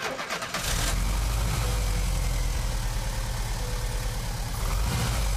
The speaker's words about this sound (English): Then replaced it and the distributor cap, and the engine sprang to life with the first press of the starter button.